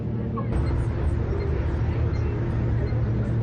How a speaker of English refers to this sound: Finally made it to the shuttle bus.